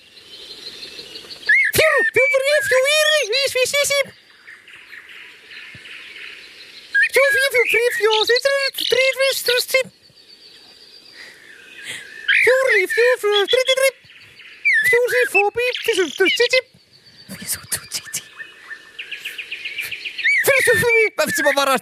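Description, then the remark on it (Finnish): A person whistles and warbles an imitation of common blackbird song during a bird karaoke segment on the Yle X summer morning radio show, in several bursts of fluting, sliding phrases separated by short pauses, fairly loud, with faint background noise between phrases. “esittää nyt mustarastaa.”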